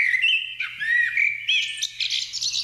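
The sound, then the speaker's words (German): A common blackbird sings alone in a continuous, flowing phrase of clear fluting whistles that turn into higher, twittering trills, with a faint low hum underneath. “Hier kommt die Amsel.”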